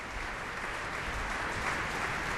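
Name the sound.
concert audience applause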